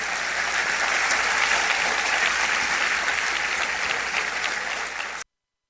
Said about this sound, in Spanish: Un aplauso al Señor.